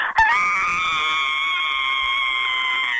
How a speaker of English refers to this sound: One more scream for us.